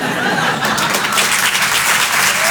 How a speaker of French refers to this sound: On peut l'applaudir très très fort également.